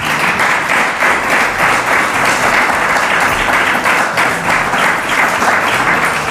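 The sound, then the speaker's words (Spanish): A crowd at San Millán de la Cogolla applauds steadily and loudly for several seconds to welcome Virginia Borges, director general of Tourism, a dense wash of many hands clapping with no one speaking over it. “Un fuerte aplauso para ella.”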